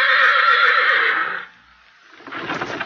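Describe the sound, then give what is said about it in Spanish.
A horse neighs loudly for about a second and a half, a shrill wavering whinny, followed by a brief pause and then a softer, breathy rumble as it settles. “Pon los caballos en el establo”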